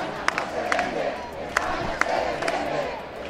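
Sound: protest crowd chanting slogans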